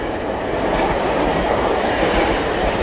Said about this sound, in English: The train is pulling up to the station.